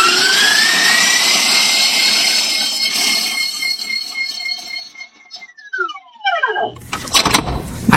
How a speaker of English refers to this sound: That's why we're going to use this other mixer.